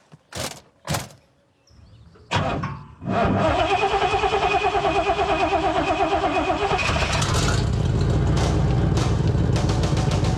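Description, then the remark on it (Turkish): A couple of sharp clunks, then an old car engine cranks and catches, settling into a loud, rough, steady idle with a deep rumble that continues to the end. No one speaks. “Motorun sesi fena değil gibi. Sadece çok kötü ayarlanmış olduğunu düşünüyorum.”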